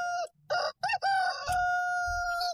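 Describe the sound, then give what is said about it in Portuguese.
A rooster crows loudly, a few short rising notes followed by a long sustained cry with strong harmonics, heard on its own without any talking. “Mas agora a hora certa para você, o galo canta.”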